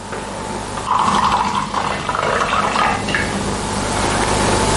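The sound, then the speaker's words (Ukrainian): Juice is poured from a juice carton into a cup by someone using their foot. It falls in a steady, splashy trickle that runs unbroken for about five seconds, holding a fairly even moderate level with no voices. “По черзі ногою зі столу бере пачку соку і горня, відкручує кришку, наливає і п'є.”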